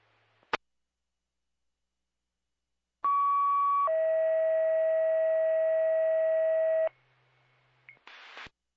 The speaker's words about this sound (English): Could we get one more set of tones for manpower to the Indian Lake station? Car 300, engine 400 responding to Indian Lake, requesting additional set of tones for manpower to their station at 1931.